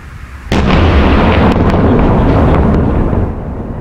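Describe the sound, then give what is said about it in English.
A sudden, loud explosion from missile strikes hitting apartment buildings in Kyiv, Ukraine, booms at half a second and rumbles on heavily, with further cracks and thuds ringing out within the sustained roar, fading slightly near the end. “In Kyiv, explosions could be heard as strikes hit a number of apartment buildings.”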